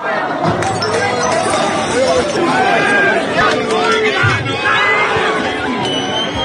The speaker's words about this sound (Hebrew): רק נסביר מה אנחנו שומעים פה, האוהדים ממש מנפצים בקבוקי זכוכית ברחוב, צועקים נין אחרי הגול האחרון בפנדל של פרגוואי